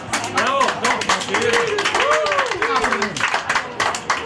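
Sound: applause sound effect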